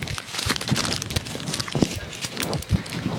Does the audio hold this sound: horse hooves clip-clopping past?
yes